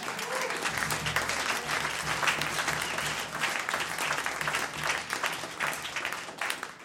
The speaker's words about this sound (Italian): e soprattutto ringrazio voi, pubblico, straordinario pubblico. Fatevi un applauso, per favore.